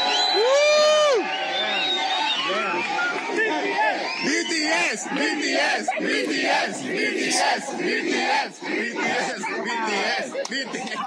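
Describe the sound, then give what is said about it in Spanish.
A large crowd of Mexican fans shouts a chant together at passing young Korean tourists, many voices yelling in unison, loud, with a sustained roar of overlapping cries running through the whole stretch. “El caso es que iban pasando unos jóvenes coreanos, X güeyes que venían de turistas y que estarán, supongo, el jueves en el partido, cuando los mexicanos les gritan esto.”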